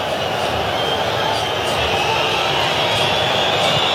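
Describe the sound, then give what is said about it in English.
A stadium crowd whistles and boos in a steady, dense roar that holds at an even, fairly loud level for the full four seconds, with shrill whistles riding above the low jeering. “Now you hear the whistles again. And the booing.”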